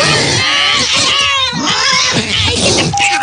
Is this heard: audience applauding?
no